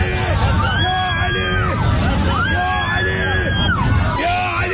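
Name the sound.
airplane passengers screaming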